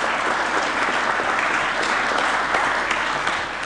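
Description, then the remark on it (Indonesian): A crowd claps steadily for several seconds, a dense, sustained wash of applause from a sizable audience with no break in the sound, applauding the announced reduction of state-owned enterprises (BUMN) by 250. “Nah ini boleh tepuk tangan dong, tepuk tangan.”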